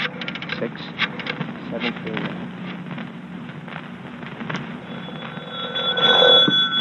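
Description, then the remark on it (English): A telephone being dialed: bursts of quick mechanical clicks, followed by a rising tonal ring toward the end over a faint background hiss. The number Alvarado 6739 is being dialed to phone the YWCA. “Hurry, Riley. Phone the YW.”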